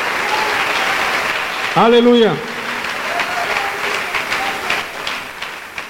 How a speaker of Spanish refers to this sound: Dele un buen aplauso a Jesús, hermano. Dele un buen aplauso, hermano.